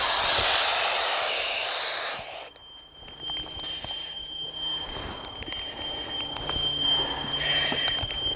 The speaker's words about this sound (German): Der Hochdrucklüfter ist ein großer, sehr starker Ventilator und bläst den Brandrauch aus der Wohnung.